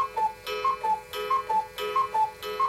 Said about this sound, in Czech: A že jsme z jedné rodiny, zdědili jsme po dědečkovi jedny kukačkové hodiny.